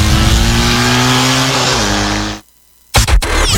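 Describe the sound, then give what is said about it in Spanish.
A loud, roaring Daytona motorcycle engine, from the maker's new 290, 300 and 370 line, revs with a strong droning pitch that shifts and dips, then cuts out abruptly into a short silence before a few sharp bursts of engine noise return. “Motocicletas potentes y listas para que te sientas en el siguiente nivel.”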